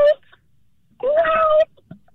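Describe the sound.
A person on a phone call imitates a cat with a drawn-out, nasal meow lasting about half a second, preceded by a brief clipped vocal sound. Fairly loud, with a quiet pause between.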